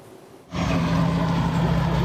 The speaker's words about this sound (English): Trucks carrying remains of 10 victims of the 1995 Srebrenica genocide arrived at the Podikari Memorial Center near Srebrenica, Bosnia.